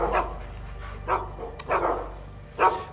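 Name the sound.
dogs barking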